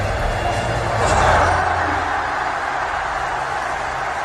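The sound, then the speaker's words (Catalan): A large crowd roars in a steady, dense wash of cheering and applause, swelling briefly near the start and holding loud throughout, with a low rumbling hum underneath. It is the ovation at the velada event when Illo Juan, after losing to The Gref, gave him a kiss. “Doncs això que escolteu és l'ovació que van viure a la velada quan Illo Juan, després de perdre contra The Gref, li va donar un morras.”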